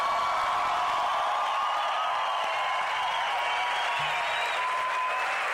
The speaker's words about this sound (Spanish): Si ese aplauso para él tiene que darse mucho más fuerte.